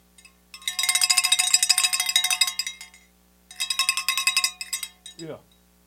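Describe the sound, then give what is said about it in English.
A bell clangs rapidly in two bright, metallic bursts of about two seconds and one second, with a short pause between them, followed by a brief falling vocal sound. “Where my bell? Oh, that ain't my bell.”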